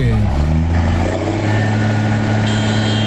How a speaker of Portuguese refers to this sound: Ah, tá buzinando. Os caras gostam, velho. Aí, ó, buzinaço, tá bom. Mas pode dar buzinada também, não tem problema não.